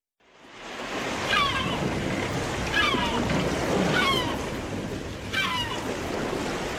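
Steady, roaring surf fills the scene as ocean waves crash continuously, with four high, wailing cries rising briefly above the rush of water.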